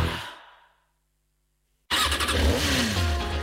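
A fading noise gives way to about a second of silence, then a motorcycle engine roars in loudly and revs up with a rising whine, sustained to the end.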